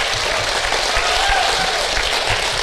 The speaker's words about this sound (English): Round of applause for our panelists, everyone.